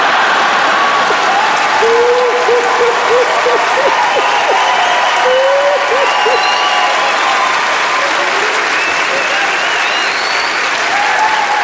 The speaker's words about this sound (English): If some of you are clapping, some are laughing, some are like, it's still not funny.